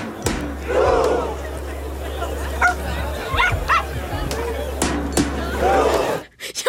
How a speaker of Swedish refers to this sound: Att man mest har en gläfsande hund.